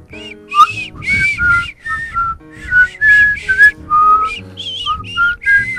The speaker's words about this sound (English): Do you want to whistle us out of this segment?